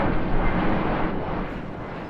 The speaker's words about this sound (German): annähernd im Minutentakt Flugzeuge beobachten und hören.